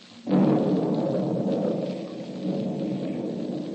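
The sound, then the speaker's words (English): A heavy thunderstorm near the Bonaire Hotel, gradually diminishing: a loud thunderclap bursts in and rolls into a long rumble over steady pouring rain, easing slightly before holding on. “As our story opens today, a heavy thunderstorm is gradually diminishing.”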